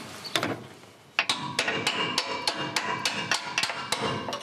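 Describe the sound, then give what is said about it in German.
A hammer strikes a stuck metal bolt to loosen it in a quick, steady series of sharp ringing taps, after a brief pause at the start; no voices. “Klopft mal da drüben, ob der sich ein bisschen löst, der Bolzen.”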